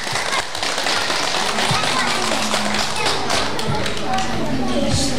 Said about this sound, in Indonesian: Mari anak-anak kita sambut dengan tepuk tangan yang paling meriah.